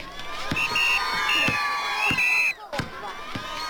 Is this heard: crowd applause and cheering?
yes